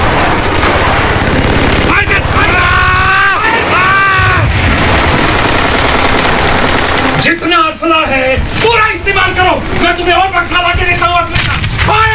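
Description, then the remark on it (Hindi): Dense machine-gun and rifle fire crackles continuously and loudly in a battle against Chinese soldiers at two posts held by Major Shaitan Singh's men in bitter cold, while agitated voices shout over the barrage throughout. “अपनी मशीन गनों और बंदूकों के ट्रिगर पर भीषण ठंड के कारण उनकी उंगलियां काम नहीं कर रही थीं।”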